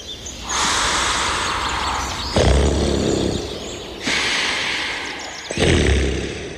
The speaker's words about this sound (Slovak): Na svitaní doviedli strážnici chlapca do lesa. Ozývalo sa odtiaľ hrozitánske chrápanie.